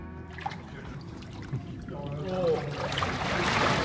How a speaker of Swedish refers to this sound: Nu är jag i vattnet med mikrofonen. Ja. Vi hoppas att inte det här förstör utrustningen.